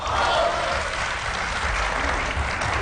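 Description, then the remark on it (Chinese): Steady applause from the audience at a Chinese crosstalk (xiangsheng) performance, a dense wash of many hands clapping at an even, fairly loud level for about three seconds, with no voices over it. “按说您各位一鼓掌 啊， 我就应当跟他唱一 出，这是自然的。”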